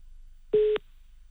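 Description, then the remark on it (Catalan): During a prank call, a single steady telephone tone sounds once for about a quarter second, a flat electronic beep against quiet line noise, like a ringback or call-progress signal with no answer. “No agafarà el telèfon, la pava, eh?”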